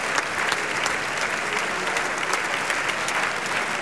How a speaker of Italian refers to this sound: tutti quanti adesso si avanzano per la seconda volta a prendere gli applausi del teatro.